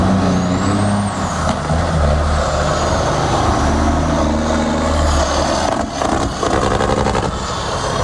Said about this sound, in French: Direction maintenant MRC d'Abitibi, alors qu'on entend sûrement déjà ce vrombissement des moteurs, des camions pour cet événement très, très, très populaire à Barrault.